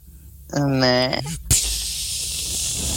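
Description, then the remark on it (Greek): A short voiced, pitched vocal sound is followed by a sudden burst into a steady, broad hiss of a Baygon aerosol insecticide spray can that continues without break to the end. “Μπαϊγκόν.”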